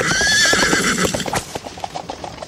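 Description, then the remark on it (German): A horse gives a high, wavering whinny over a steady clatter of hooves, then the hoofbeats continue alone in a quick, uneven clip-clop rhythm, as someone rides out on horse and wagon. “Josef konnte es aber nicht erwarten und ritt seinem Vater und der Familie auf Ross und Wagen entgegen.”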